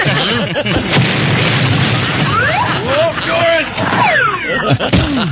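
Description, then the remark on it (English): A room full of propane (LP) gas tanks next to a lit flame exploding in a loud, continuous roar of booms and crashing blasts, with people's voices shouting over the din. “Just look at this room, full of LP gas tanks right next to a lit flame. What do you call that? Well, I call it our propane finale.”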